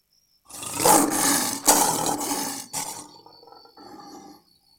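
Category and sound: animal, lion roaring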